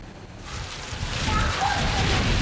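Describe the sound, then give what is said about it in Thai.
Heavy typhoon rain pours down in Japan, including Tokyo, in a dense, steady roar, growing slightly louder over a couple of seconds, with a sloshing, watery rush underneath. “พายุไต้ฝุ่นตู้เจียนก่อให้เกิดฝนตกหนักลมกระโชกแรงน้ำท่วมขังและดินถล่มในจังหวัดต่างๆรวมทั้งในกรุงโตเกียวของญี่ปุ่น”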